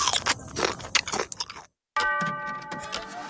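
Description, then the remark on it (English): Crisp crunching of someone biting into a creamy, crunchy Nabisco Coaster cookie, several sharp bites in quick succession, then a brief pause before a bright ringing chime rings out over fainter crunches. “Creamy, crunchy Nabisco Coaster.”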